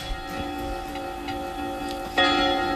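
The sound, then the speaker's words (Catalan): Church bells ring with rich, sustained metallic tones, a steady drone of overlapping harmonics, then a fresh, louder bell strike lands near the end and rings on. “A les campanades.”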